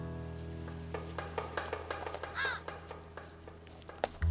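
A hungry crow at a roadside embankment, waiting for a turtle to lay its eggs, gives a single harsh caw midway through, fairly loud, surrounded by scattered dry crackles and scratchy ticking over a steady low hum.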